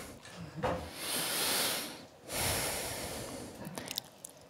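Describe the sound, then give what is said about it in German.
Two long, heavy breaths, a rushing inhale-exhale sound with a slight pause between them, followed by faint rustling and small clicks, at the opening of a radio play. “Atmen.”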